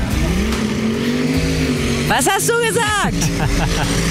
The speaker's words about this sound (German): Wir sind beim Traktorpulling in Sonsbeck. Was das hier genau alles gibt, wer hier so im Hintergrund die Motoren heulen lässt, das checken wir alles in 5 Minuten.